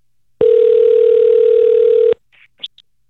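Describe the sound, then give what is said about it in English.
A steady telephone dial tone hums for about two seconds, then cuts off and a few quick, short keypad beeps follow as a radio host dials a contest winner's phone number. No voices. “I got a phone number to call. Let's do it.”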